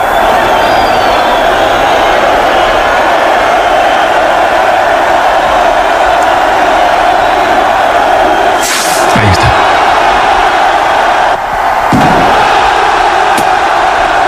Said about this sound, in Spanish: Sonido en directo desde la plaza del Ayuntamiento de Pamplona. Ahora deberá sonar el estallido del chupinazo.